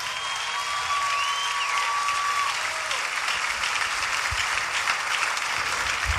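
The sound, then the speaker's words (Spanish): Steady audience applause fills the whole stretch, a dense, even wash of clapping at constant loudness with no voices over it; a faint tone glides briefly early on. “Dáselo fuerte y le va a dar ese aplauso.”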